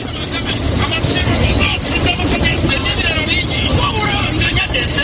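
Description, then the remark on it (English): A dense, steady roar of road traffic and trucks at a roadside in a slum south of Kampala, Uganda, near small factories where trucks load and offload goods, with heavy engines rumbling continuously and indistinct voices of women selling food to drivers blending into the busy din. “Women are selling food to truck drivers loading and offloading goods at the small factories nearby.”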